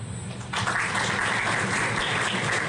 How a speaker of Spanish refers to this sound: Así que brindemos nuevamente un fortísimo aplauso para que ella escuche el momento en que se encuentra.